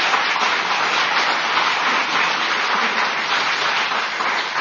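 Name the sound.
audience applause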